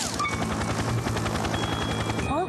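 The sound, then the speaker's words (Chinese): Loud, steady helicopter rotor chopping in flight, a fast rhythmic thumping mixed with engine whine, continuous throughout, with no voices, while the rotor's collective pitch control lever has come loose so the aircraft cannot turn, climb or descend. “原来是螺旋桨的总距操纵杆松脱，怪不得飞机无法转向和升降。”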